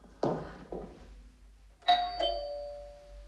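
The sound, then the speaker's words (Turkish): Two dull thumps, then a doorbell sounds a bright two-note ding-dong whose clear tones ring on and slowly fade. No one speaks. “Dur kızım, hemen açma kapıyı.”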